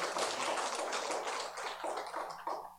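An audience in a temple hall applauds to welcome back a returning member, with a dense, steady patter of many hands. The clapping stays fairly loud throughout, thins slightly toward the end, then swells briefly before fading. No voices are heard.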